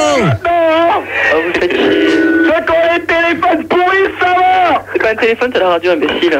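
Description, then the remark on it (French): A radio plays steadily throughout, its broadcast voice wavering and tonal over a constant low electrical hum, fairly loud and continuous with no pauses. “C'est pas un téléphone, c'est la radio, imbécile.”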